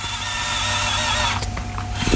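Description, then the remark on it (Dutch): A steady mechanical whir of a robotic arm moving as it operates a coffee machine to make coffee, a continuous motor hum with high whining tones, broken near the end by a few short clicks and knocks. No one speaks. “Hij klinkt ook echt als een robotarm.”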